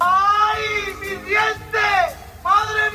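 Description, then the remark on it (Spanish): A man over 60 screams and wails in pain because his teeth are coming in, in several loud, drawn-out bursts, his strained voice rising and falling in pitch over a low rumbling background. “¿por qué grita así tu marido?”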